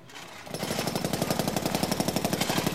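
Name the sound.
construction work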